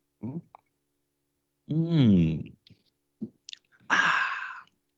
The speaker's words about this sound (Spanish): Bueno, gente, vamos entonces a leer la lectura que corresponde al día de hoy, pero antes, un sorbito de café.